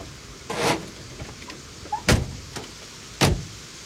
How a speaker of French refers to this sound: Ils vont frapper à la porte.